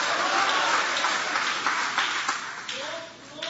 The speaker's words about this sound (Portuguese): Aplaude a Ele, pode adorar, pode glorificar o nome dEle com uma alegria. Oh, glória!